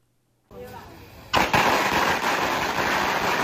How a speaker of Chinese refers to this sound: 鞭炮噼里啪啦响，红榜直接贴上家门。